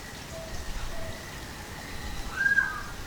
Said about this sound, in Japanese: 薄暗い渓流で鳴き始めたのはアマミイシカワガエル。この島だけに生息する絶滅危惧種です。